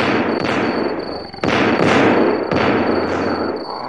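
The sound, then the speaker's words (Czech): Three loud gunshots ring out at night, roughly a second apart, each a sharp crack trailing into a rumbling echo, with no voices. “Neplýtvej zbytečně střelivem, Donifane.”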